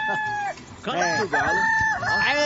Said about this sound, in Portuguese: eu quero ouvir o canto do galo. O canto do galo!